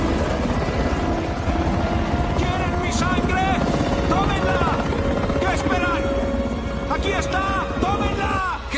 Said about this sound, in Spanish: Un helicóptero se mantiene suspendido delante de él.